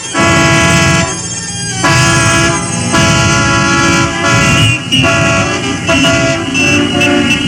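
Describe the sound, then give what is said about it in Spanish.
Loud car horns honk in overlapping, sustained blasts, several tones layered over a steady rumble of traffic, pausing only briefly before blaring again. “Háganse las grandes carreteras y circulen por ellas los Mercedes y los Cadillac, los Chrysler y los Mustang y todas las especies de automóviles y de ruidosas motocicletas y todo lo que se mueva sobre ruedas.”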